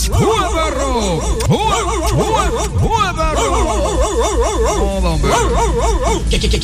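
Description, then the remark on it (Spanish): Several dogs bark and yelp over one another in a loud, continuous chorus, some calls rising into wavering, howl-like yips. “Óigame, suéltale, échale, suéltale los perrules.”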